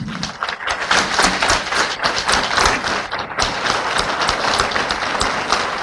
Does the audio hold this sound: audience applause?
yes